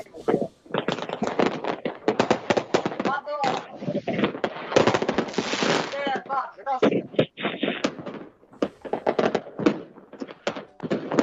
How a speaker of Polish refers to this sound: A fajerwerki mamy w zasadzie z wideo od Furiata. To coś wniósł do audycji.